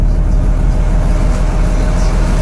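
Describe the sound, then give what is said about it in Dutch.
A ferry's engine idles at the start of the ferry operator's shift, with a steady, heavy low rumble and a faint constant hum above it, unchanging throughout, with no voices. “Het stationair draaien van de motor van mijn pont, waar ik nu begin met mijn dienst.”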